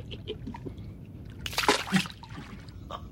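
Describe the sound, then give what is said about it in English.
Bath water sloshes gently, with a brief, louder splash midway as someone shifts in the tub, then settles back into soft swirling and dripping. “And to immerse myself in water, oh, do you know what joy this is?”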